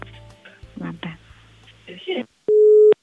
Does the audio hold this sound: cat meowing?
no